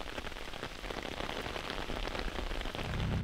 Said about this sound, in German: Und nach 6 ist der Brand gelöscht. Auch weil endlich Regen kommt.